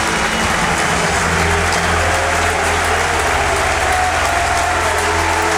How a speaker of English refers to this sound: James Belshaw, who's currently running over towards the cop end, that's the applause you can hear.